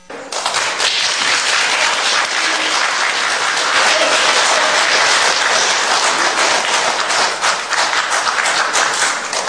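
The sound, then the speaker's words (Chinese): Sustained audience applause welcoming a performer onto the stage at a Chinese xiangsheng (comic crosstalk) show, a dense, steady wash of many hands clapping at an even loudness for the whole stretch, with no voices standing out above it. “谢谢大小伙的鼓掌欢迎。”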